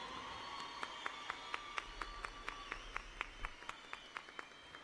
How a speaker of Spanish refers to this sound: Quiero que por favor le brinden un fuerte aplauso a todos los músicos que me acompañan aquí en esta ocasión, por favor.